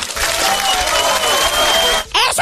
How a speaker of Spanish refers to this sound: Eso es un aplauso.